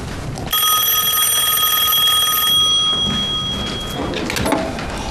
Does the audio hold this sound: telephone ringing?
yes